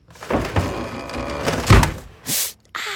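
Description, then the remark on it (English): Drawers and doors clatter and bang in quick succession as a woman gets dressed for an early meeting, with a heavy thunk near the middle followed by two sharp sliding, hissing bursts. No one speaks. “the California Closets version of that moment, featuring custom soft close drawers.”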